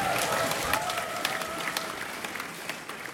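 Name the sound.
audience applause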